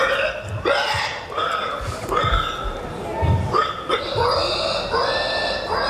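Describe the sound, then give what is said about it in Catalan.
Human voices imitate pig grunts and squeals in a loud series of rough, nasal bursts, roughly one per second, with no ordinary talk between them. These are participants in the 43rd edition of an international pig-grunting championship, attended by 4,000 people. “Doncs no, perquè 4.000 persones s'han reunit per celebrar la 43a edició del campionat de grunyits de porc.”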